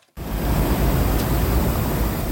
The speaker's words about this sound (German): So klingt sie, die Abkühlung. Eine Sprinkleranlage sprüht feine Wassertropfen auf alle, die vorbeikommen. Kurtyna Wodna heißt das in Polen, wörtlich Wasservorhang. Sie sind an beliebten Plätzen und in Fußgängerzonen zu finden.